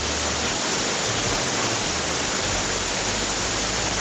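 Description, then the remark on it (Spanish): Heavy rain pours down in Chillán in a dense, steady roar that fills the whole clip without letup, a broad hiss of hammering water, with no voices over it. “Hola, en este momento en Sullán tiran el agua con balde, escuchen.”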